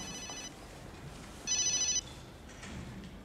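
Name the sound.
mobile phone ringing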